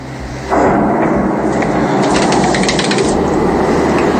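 A loud explosion during a drone attack erupts into a sustained, roaring rumble, with sharp crackling bursts popping through it; no voices are heard.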